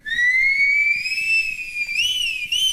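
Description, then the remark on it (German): A person whistles with the lips one long, steady note that drifts slowly upward, then bends and wavers briefly near the end. It is clear and fairly loud, with no talking. “Das Pfeifen ist so etwas wie der Urton unserer Zivilisation.”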